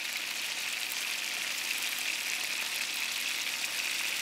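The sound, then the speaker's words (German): A steady sizzle of beef roulades searing on all sides in hot clarified butter in a pan, a continuous crackling hiss that holds an even level throughout with no voices. “Die Rouladen werden in Butterschmalz von allen Seiten scharf angebraten.”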